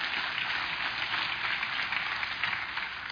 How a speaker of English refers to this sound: Now you can put your hands together and give God praise.